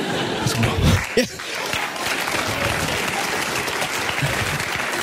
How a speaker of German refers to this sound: Nehmt den Applaus zurück.